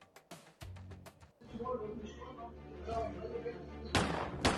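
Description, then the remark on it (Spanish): A rapid burst of about six sharp gunshots, fired by a hitman at a man seated in a cevichería in Talara Alta, cracks out in quick succession, then gives way to a murmur of voices and background noise, with a loud noisy rush near the end. “Terrible la inseguridad, el sicario le descerrajó hasta 6 disparos y lo mató sentado ahí donde se encontraba.”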